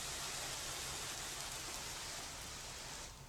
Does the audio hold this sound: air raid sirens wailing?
no